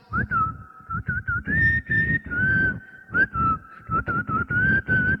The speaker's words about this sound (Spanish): De repente escuchó un silbido. Una persona que iba cantando.